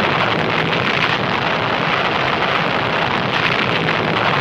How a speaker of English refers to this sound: The atom bomb explodes again.